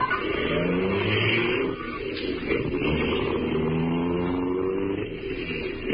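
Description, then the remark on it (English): A car engine revs and pulls away, its droning pitch climbing as it accelerates, with steady road and motor noise filling the whole stretch and no voices. “And we drove off.”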